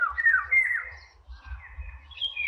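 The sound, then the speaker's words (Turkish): A long-winged bird that favors poplars along streams sings a run of clear, fluting whistled phrases that rise and fall without pause, fairly loud, over a faint low rumble and no voices. “Evet, sesi de çok güzeldi. Dinleyicilerimize veririz sesini şimdi.”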